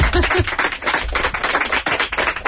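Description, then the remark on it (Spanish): A small audience in a radio studio applauds steadily after the second song of a live performance, many hands clapping in a dense, crackling patter that stays at an even, moderately loud level for a couple of seconds with no voices. “Aplausos, aplausos.”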